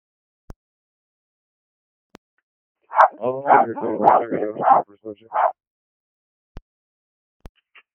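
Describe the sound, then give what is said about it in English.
A quick run of five or six sharp, high dog barks over roughly two seconds, loud, with faint clicks before and after in otherwise quiet surroundings. “All I hear is barking.”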